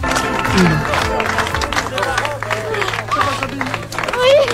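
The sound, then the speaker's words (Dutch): A crowd claps and cheers while many excited, emotional voices call out over one another, some rising to high-pitched cries, in a steady, loud wash of sound, with hugging, at the homecoming of a 12-year-old girl held captive for 80 days by Dutroux and reunited with her mother. “Ja, je ziet volop geknuffel, emotionele stemmen overal, uiteraard ook applaus.”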